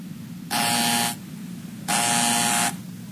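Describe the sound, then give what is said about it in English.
A harsh electric door buzzer sounds twice as someone is at the door, a short blast followed by a slightly longer one, loud and raspy over a low background hum, with no voices. “Do you want me to see who's at the door?”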